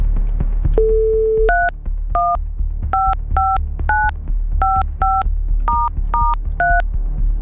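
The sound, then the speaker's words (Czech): A brief steady tone, then a rapid run of about ten touch-tone beeps as a phone number is dialed, each a short clear two-pitch blip over a low background hum, with no one speaking. “Je vytočeno?”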